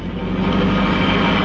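A car engine roars at high speed at night, a steady, loud, broad rush of motor and road noise that holds constant through the moment, with no voices.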